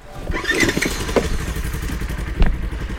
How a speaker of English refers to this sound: Did you hear a cow or a chainsaw? I swear it was a cow. When we were on the other side of the tree, the chainsaw does sound like a cow. It does, yeah.